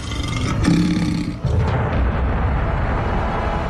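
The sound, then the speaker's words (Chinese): Three lions roar loudly and continuously around a protective cage, opening with a deep, tonal growl that gives way to a rough, rumbling roar lasting several seconds, with no voices. “他们袭击了所有的模型并把他们撕碎，却没有得到食物，所以三头狮子知道保护罩里有某种食物。”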